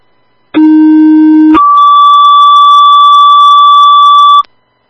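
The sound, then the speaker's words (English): A loud two-tone dispatch alert, retoned to call for an ambulance driver for Allegheny EMS: a low steady tone for about a second, then a much higher sustained tone holding for roughly three seconds before cutting off. No talking. “Could you please retone for a driver?”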